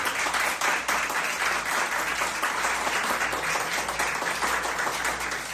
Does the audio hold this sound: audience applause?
yes